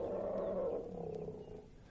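A deep, loud elephant call from the Nonesuch Explorer album rumbles steadily for a couple of seconds, a low, throaty bellow that eases off slightly toward the end, with no voices present.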